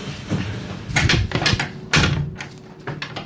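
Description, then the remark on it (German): A cupboard being opened and shut during a cell search, with a string of irregular knocks, clacks and light rattling like dishes shifting; several sharp bumps stand out over about three seconds, with no voices. “Das klang gerade irgendwie wie ein, nee, nicht wie ein Kleiderbügel, aber Geschirr vielleicht, ja. Schrank, ja.”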